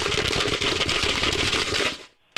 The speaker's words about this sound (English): I got ice in my can, I do.